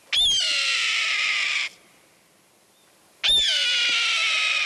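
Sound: red-tailed hawk cry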